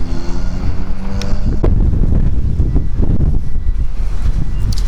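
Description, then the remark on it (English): Strong wind roars across the microphone outdoors outside a grocery store, a loud, continuous low rumble with gusty buffeting throughout, and faint engine-like tonal hum early on. “Oh, it wasn't supposed to be this windy.”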